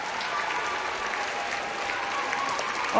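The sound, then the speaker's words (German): Steady, dense applause from a group, a continuous wash of many hands clapping at once at an even volume for the full few seconds, with no voices over it. “Applaus, das Pony hat gefunden, die Wasserlauf!”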